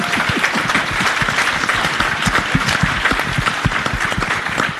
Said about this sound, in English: Fourth oldest in the world. Wow. Can you all clap for that? Yeah, give it up.